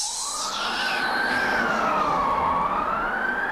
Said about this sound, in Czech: Slyšíš? Tu fujavici. Až budou vrabci se střech padat.